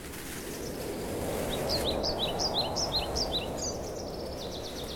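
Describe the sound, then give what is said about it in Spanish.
Birdsong rings out from high in the tall trees of an Australian forest on a sunny day, over a steady wash of outdoor ambience, a quick series of bright chirping phrases repeating from about two seconds on, clear, with no one speaking. “Los pájaros cantan desde lo alto y el sol se asoma entre las hojas, dejando pequeños rayos de luz sobre el suelo.”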